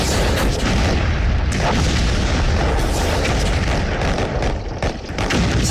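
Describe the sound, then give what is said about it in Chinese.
A dense, continuous barrage of explosions and artillery fire at Incheon harbour on Korea's west coast, before dawn on 15 September, as US X Corps made a large-scale landing under dense fire from aircraft and warships; deep booms rolling into one another with crackling bursts on top, loud and sustained throughout with no voices. “9月15日凌晨，随着爆炸的火光和轰天巨响，整个仁川港陷入一片火海。”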